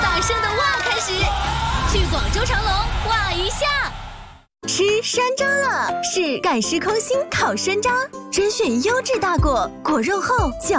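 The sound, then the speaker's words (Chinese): A crowd of voices yells a loud, drawn-out excited "wow" together for about four seconds in an advertisement for the Chimelong resort in Guangzhou, China, then after a brief gap lively, energetic voices carry on. “去长隆，从超大声的哇开始，去广州长隆哇一下。”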